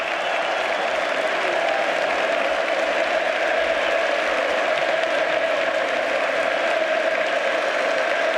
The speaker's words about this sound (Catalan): Crits de Pedro, Pedro